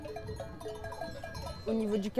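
A flock of sheep bleats amid clinking bells and soft background murmur, with one louder bleat rising near the end.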